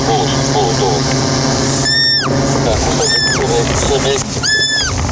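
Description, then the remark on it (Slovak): A roe deer fawn hidden in tall meadow grass squeals three times, high-pitched, thin cries that drop in pitch at the end, spaced about a second apart, over a busy background of people talking and rustling as volunteers, guided by a drone, close in to rescue it before mowing. “Prejdeme ešte pár metrov, dronista navedie, kam presne položiť podberák a už počujeme piskot srnčaťa.”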